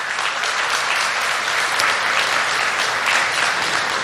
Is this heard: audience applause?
yes